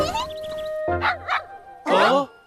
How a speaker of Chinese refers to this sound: 哇哦，妮妮，这是你的小狗吗？它真的好可爱呀。 这是小酷为我发明的机器狗，它叫做迷妮。